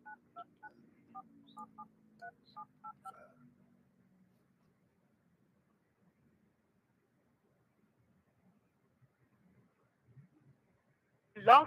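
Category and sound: signal or alarm, telephone keypad dialing tones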